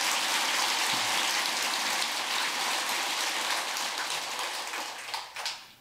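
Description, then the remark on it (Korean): An audience at a Buddhist teaching applauds in a dense, steady wash of clapping with no voices, holding strong for several seconds before thinning out into a few scattered claps at the end. “근데 내한테 박수가 좀 적다.”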